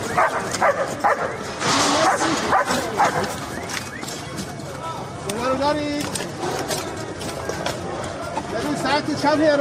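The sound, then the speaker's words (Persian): Leo, a search-and-rescue dog of the Iranian Red Crescent Society from Mashhad, barks and yips repeatedly, its calls mixed with whimpering, over a busy background of voices and ambient noise. “لئو، سگ زنده‌یاب جمعیت هلال احمر که در طی حملات نظامی آمریکا و اسرائیل به ایران بدون وقفه به عملیات جستجو و نجات پرداخت و نقش مهمی در پیدا کردن پیکرها و نجات افراد زنده از زیر آوار جنگ داشت.”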